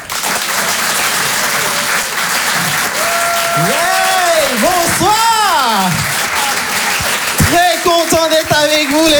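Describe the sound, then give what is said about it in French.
A crowd applauds loudly and steadily to encourage a performer, with clapping throughout and rising whoops and cheering voices riding over the dense, sustained noise of hands. “Je vous demande de l'encourager, faites un maximum de bruit, s'il vous plaît,”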